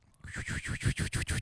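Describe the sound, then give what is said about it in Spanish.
A person vocally imitates a toilet flushing, making a fairly loud run of about seven quick, rhythmic breathy whooshing pulses that swell and surge, with no words spoken. “Cuando baja la llave del water.”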